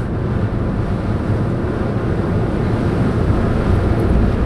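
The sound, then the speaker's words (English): Steady rushing of wind and churning water aboard a Blue and Gold Fleet ferry on the bay, bound for Jack London Square, a continuous loud roar with deep rumble underneath and no voices. “on the Blue and Gold Fleet ferries on the bay.”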